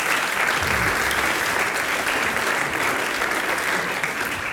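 Sustained audience applause as the audience applauds themselves after singing the last verse of a song, a dense, steady wash of many hands clapping at even loudness for several seconds, with no voices standing out above it.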